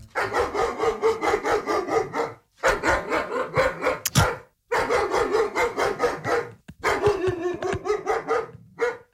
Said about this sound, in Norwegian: Jeg bruker å putte på lyder av sinte hunder som bjeffer. Det bruker å motivere meg veldig til å fortsette løpinga.